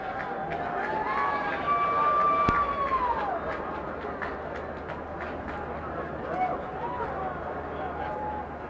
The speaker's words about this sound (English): Much to the delight of the crowd here tonight. Discount Frosty Beverages in the event that Tolentino strikes out, so they are cheering hard for that.